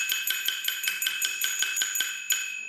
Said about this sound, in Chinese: 哦，这个像一个小铜碗一样的乐器， 是 咱们碗碗腔的。 碗碗腔的碗碗，这就是碗碗， 这就是核心乐器。 对， 那它怎么发声呢？来，我们来看一看。